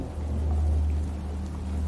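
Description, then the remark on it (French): Steady patter of large raindrops falling on leaves in a forest, a dense continuous crackle with a deep low rumble running underneath throughout; no voices. “Le crépitement des gouttes de pluie sur les feuilles nous emporte le long d'une mélodie à l'écran.”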